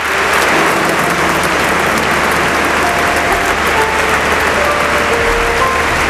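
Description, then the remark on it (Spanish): Sustained applause from a large crowd fills the church of San Agustín in Barcelona, where Pope Leo XIV is present, a dense, steady wash of clapping at constant loudness for several seconds with no voices standing out. “Esto que estamos escuchando ahora mismo son los aplausos que se están ofreciendo, que se están dando en esa iglesia de San Agustín en Barcelona, donde se encuentra ahora mismo el Papa León XIV, saludando a una de las personas que está interviniendo”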